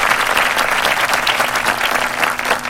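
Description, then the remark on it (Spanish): Loud, sustained applause from many hands for those celebrating birthdays, a dense steady crackle of clapping that stays strong throughout with no voices standing out. “Les mandamos las mejores de las vibras y un aplauso muy fuerte.”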